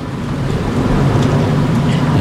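A loud, steady roar of airplanes flying over a tennis match on their way to Heathrow, a continuous deep rumble with a broad hiss on top that holds without pause or change. No voices.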